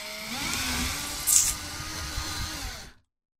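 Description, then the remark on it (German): A power drill whirs steadily for about three seconds, drilling a hole into a coconut clamped in a vise, with a brief sharper burst partway through as the bit bites in, then cuts off abruptly into silence. “Vielleicht solltest du ein zweites Loch bohren.”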